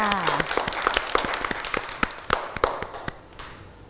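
A group of children clap at their teacher's request for a classmate's clay elephant, in an uneven scatter of sharp claps, fairly loud at first and thinning out toward the end, with a brief child's voice at the start.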